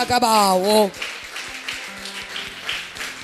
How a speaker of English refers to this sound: Somebody shout hallelujah. And clap for the Lamb of God.